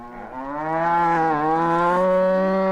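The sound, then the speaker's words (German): A single long cow moo, loud, a steady harmonic drone that swells after a soft start and holds its pitch for nearly three seconds, with no one speaking. “Aber die Frage ist, was sagt die Kuh dazu?”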